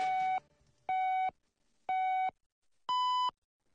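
Radio hourly time signal marking 12 o'clock Beijing time: four evenly spaced electronic beeps, one per second, the first three at the same pitch and the final one slightly higher, clear and steady with no talking.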